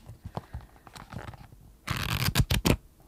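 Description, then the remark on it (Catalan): Notebook pages being turned in front of a microphone at a table: soft papery rustles at first, then a louder burst of quick, crisp page turns and swishes toward the end. No one speaks. “Això són fulls i pàgines, sí, que és una cosa que al Pau li agrada molt quan passo pàgines davant del micròfon”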